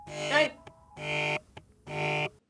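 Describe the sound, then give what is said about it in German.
A telephone rings in three buzzy, evenly spaced bursts, fairly loud, with a brief voice overlapping the first ring. “Telefon!”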